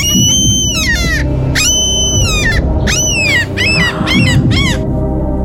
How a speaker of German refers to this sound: Es ist eine Möwe. Wirklich? Es war eine echte Möwe.